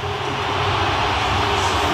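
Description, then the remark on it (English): A huge stadium crowd at FNB Stadium roars as the Springboks come out for a game against the All Blacks, a loud, unbroken wash of noise that holds steady for the full two seconds, with no voices rising clearly above it. “And a thunderous roar around FNB Stadium.”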